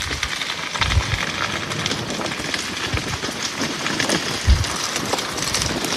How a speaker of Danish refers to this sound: Og det er desværre ikke lyden af en åben kamin i et sommerhus på en dejlig, kølig regnværsdag et sted ved vestkysten. Nej, det er skovbunden i en region syd for Paris, hvor en naturbrand har spredt sig over 800 hektar,